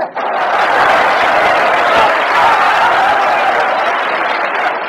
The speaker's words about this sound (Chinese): 从观众的掌声就可以看得出来，对你寄予极大的希望。